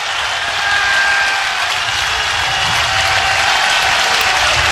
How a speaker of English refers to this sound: And here comes the crowd one more time.